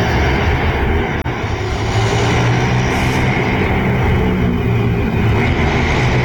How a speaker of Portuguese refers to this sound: Perceber que são motos acelerando, né?